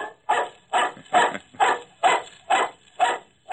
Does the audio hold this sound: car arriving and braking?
no